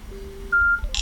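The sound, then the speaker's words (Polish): A short electronic beep signal from a headset after its button is pressed: a faint low tone, then a clear higher-pitched beep lasting about a quarter second, ending in a brief burst of hiss. No one speaks. “Słuchawka wydała nam dźwięk, telefon zadziałał.”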